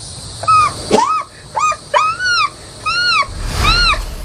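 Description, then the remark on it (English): A 12-year-old boy imitates bird calls with a quick series of about seven arching, whistly cries, fairly loud, with brief gaps between them and no talking. “He became the expert on over 100 distinct bird calls.”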